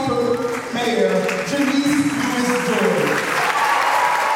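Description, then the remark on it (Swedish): A crowd applauds steadily and loudly inside Luther Place Church in central Washington for several seconds, with a few voices and cheers rising over the clapping, at a Wednesday evening town hall meeting as a Democratic politician in a bright pink suit takes the microphone. “Janice Lewis-George är klädd i knallrosa kostym och hon möts av applåder när hon vant greppar mikrofonen.”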